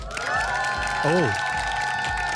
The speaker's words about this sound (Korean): 텔디에게 큰 박수가 필요합니다. 여러분 박수 보내주세요.